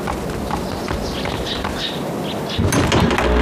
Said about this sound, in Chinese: 我去开门。哎， 你莫动，你莫动，我去。